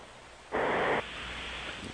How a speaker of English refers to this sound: That's the strangest snoring. That's snoring. That's bizarre snoring. Yeah. It really, it's like the space shuttle trying to steer itself.